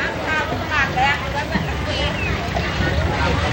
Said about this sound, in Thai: นี่คือตลาดน้ำปากคลองโพหักในเขตเชื่อมต่อระหว่างอำเภอดำเนินสะดวกและบ้านโพหักอำเภอบางแพสถานที่ค้าขายผลิตผลต่างๆจากเรือสวนและบริเวณใกล้เคียงเรือต่างๆเหล่านี้จะนำของมาขายเฉพาะในช่วงเวลาเช้าเท่านั้น